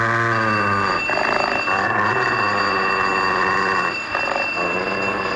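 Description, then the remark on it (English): A doorbell rings loudly and continuously at night, an unannounced caller during thunder, a steady, bright, buzzing electric tone that holds for several seconds with brief shifts in timbre and no voices. “Louis, Mr. Huberman is attending to the door himself.”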